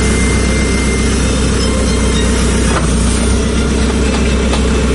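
excavator engine running

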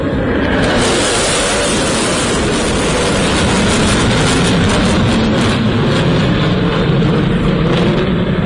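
fighter jets flying overhead

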